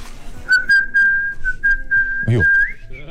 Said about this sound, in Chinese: 哎呦 口哨吹得不错啊。